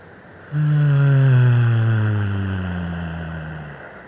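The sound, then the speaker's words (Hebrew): A long, steady low hum from a single voice, a sound of release made after a deep, held breath in a relaxation breathing exercise, held for over three seconds and slowly fading as the breath runs out, loud with no talking. “עשה את זה עוד פעם אחרונה, ניקח נשימה עמוקה, נחזיק את האוויר, נחזיק, נחזיק, וביחד נוציא צליל של הנחה.”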